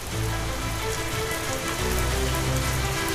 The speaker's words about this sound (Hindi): एक लगातार सक्रिय होते वेस्टर्न डिस्टर्बेंस के चलते कई इलाकों में बारिश हो रही है। हालांकि ये मॉनसून की बारिश नहीं है, बल्कि ये वेस्टर्न डिस्टर्बेंस की वजह से पैदा हुई बारिश है।